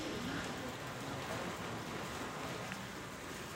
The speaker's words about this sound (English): It's started to rain now, which means it will be another challenging day of rescues for emergency teams.